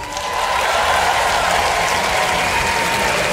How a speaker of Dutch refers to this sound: En de tent zo vol staat met zoveel mensen. Dat doen we maar een paar keer per jaar. Dus dank jullie wel. Groot applaus voor jezelf.